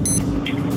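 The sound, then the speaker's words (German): An alarm clock rings in short, high-pitched electronic beeps, a few quick bursts sounding over a constant low rumbling background. “Ja, aber so klingt doch dein Wecker, oder nicht? Eher so wie der erste.”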